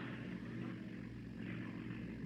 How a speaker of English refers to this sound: Yeah. Yeah, what is it? A car. That's what it is. A car all the way up here. Oh, who'd be fool enough to... Hey, there. There it is. Stopping right over there by them rocks.